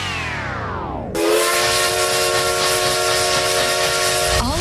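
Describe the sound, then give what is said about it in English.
The whistle of the Essex Steam Train in the Connecticut River Valley sounds loudly, a sustained, breathy multi-tone blast with a hissing edge, opening with a falling, sliding tone before holding steady for several seconds. “Essex Steam Train and Riverboat for unforgettable events all year long.”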